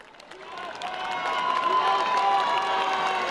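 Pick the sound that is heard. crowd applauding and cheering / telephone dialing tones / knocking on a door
crowd applauding and cheering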